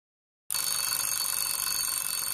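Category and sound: household object, alarm clock ringing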